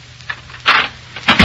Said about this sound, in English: In a Chicago apartment hotel overlooking Lake Michigan, an attractive young woman dressed to go out for the evening is pacing the floor in a fit of ill temper. Presently, the cause of her ill temper inserts a key in the door.